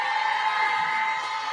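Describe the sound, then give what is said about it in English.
A crowd shouts and yells together on a count of three in a loud, sustained roar, many voices blending into a dense wall of noise with no pauses. “Now some of y'all just yelling.”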